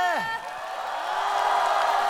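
An audience breaks into steady, loud applause with a dense wash of clapping, opening with a brief falling whoop or cheer that gives way to sustained clapping and crowd noise.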